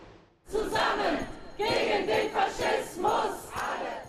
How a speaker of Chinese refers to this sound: 现场数千名民众聚集，人群手持多款反极右翼标语牌，高呼反法西斯口号，鼓掌助威。